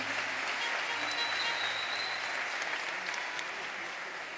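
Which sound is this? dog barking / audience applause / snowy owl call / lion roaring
audience applause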